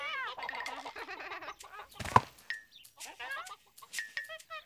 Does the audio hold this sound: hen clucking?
yes